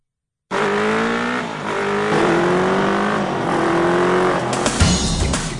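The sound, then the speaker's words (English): A motorcycle engine revs hard, its pitch climbing in several rising surges as it shifts through gears, loud and steady with no voices. “Kiwis, it seems, love their motorbikes.”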